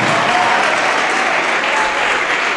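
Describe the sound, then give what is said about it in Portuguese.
An audience applauds in a steady, dense wash of clapping that stays loud and even throughout, with no voices standing out above it. “Tá chegando mais, vamos aplaudir.”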